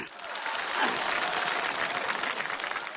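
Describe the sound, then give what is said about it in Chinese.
Sustained audience applause during a comedy stage performance, called for as a performer introduces his shy 'little wife' character, fills the whole three seconds, a dense steady clatter of many hands clapping at once, with a faint murmur of voices mixed underneath. “我今天呢，我叫我这小媳妇儿先跟大伙见见面，有点腼腆，没有掌声不回头。”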